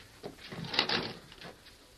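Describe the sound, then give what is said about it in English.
An unlocked wooden cabin door is pulled open, with a short scraping creak and a soft knock as it swings, then a quiet rustle as the sound fades. “Open the door, Sheriff. It's unlocked.”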